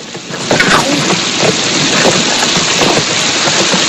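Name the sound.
heavy rain downpour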